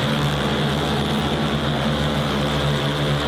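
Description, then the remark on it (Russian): A steady, loud drone of propellers buzzes continuously, with strong low harmonic tones and broad whirring noise, as several cargo drones carrying bags of food (cereals, pasta, sunflower oil, flour) lift off into the sky over Kherson, Ukraine, as an air caravan. No voices are heard. “И следом за первым тестовым дроном в небо над Херсоном подняли целый продуктовый аэрокараван.”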